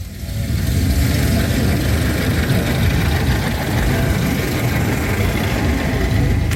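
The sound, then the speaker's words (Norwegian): A vintage car engine runs steadily while driving, a loud, continuous low rumble with a rough, chugging texture that holds constant throughout, with no voices. “Og apropos motoren, vi skal jo høre lyden av en i fart.”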